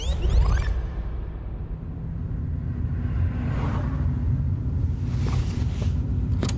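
Steady low engine rumble and road noise from inside a moving car driving to former social housing blocks in the Südstadt at 8:40 on 22 December 2022, continuous throughout, with occasional brief whooshing swells of passing air or traffic and no one speaking.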